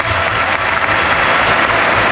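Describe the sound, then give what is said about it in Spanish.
Steady, dense applause from a large crowd at a bullring during a bullfight with Peruvian torero Roca Rey, as his subalterns salute, a continuous hiss of many hands clapping at once with no single claps standing out, loud and unbroken throughout. “Y las palmas es un humo, Hay ganas de triunfo.”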